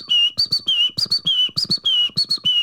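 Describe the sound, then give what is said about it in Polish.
A person whistles an imitation of a great tit's song, a bright repeated two-note phrase sounded about ten times in quick, steady rhythm, fairly loud with no talking. “Znam jeszcze sikorkę, na przykład sikorka bogatka.”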